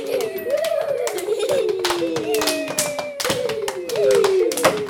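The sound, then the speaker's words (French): Goats walking past on a road, their hooves making many quick, irregular sharp taps and clicks, with a steady, wavering tonal sound running underneath throughout. “Alors, on entend sur la route les chèvres qui passent. Les chèvres, quand elles marchent, elles font du bruit.”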